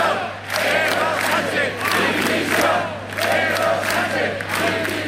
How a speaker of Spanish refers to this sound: Gritos pidiendo la dimisión de Sánchez, también aquí en Navarra la de Chivite, pero no solo dimisión, también hubo insultos